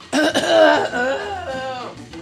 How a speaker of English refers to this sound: Excuse me, I have to clear my throat.